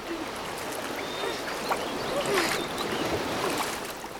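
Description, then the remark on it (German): Water sloshes and splashes steadily as a leaking inflatable boat is paddled back toward the beach, with a thin hiss of air escaping from the boat running underneath. No one speaks. “Stimmt, irgendwie geht da Luft raus, oder? Ah, wir haben ein Leck. Schnell zurück an den Strand.”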